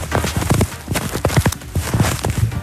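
A snow sound effect played on Radio Sauerland: steady, rhythmic crunching steps, about a dozen firm, gritty impacts over a few seconds, fairly loud, with no voices.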